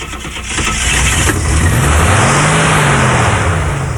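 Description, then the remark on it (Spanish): A car engine, just repaired by the rooster, cranks and catches, then revs up with a rising, steady mid-pitched roar that stays loud for several seconds, with no voices over it. “¡El gallo compuso el carro!”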